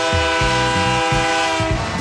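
A train horn blares steadily and loudly while the train rolls past, its wheels thumping over the rail joints in a regular, heavy rhythm. No one speaks.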